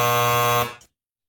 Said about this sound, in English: I was going to say what TV judge. Then that buzzer came in.